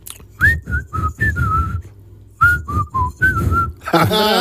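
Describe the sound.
A person whistles a short tune in two phrases of quick, bright notes, each note gliding slightly, with a brief pause between phrases and a low rumble underneath.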